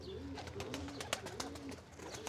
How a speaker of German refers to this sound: Das klatschende Geräusch der Tauben dient der Abwehr von Fressfeinden.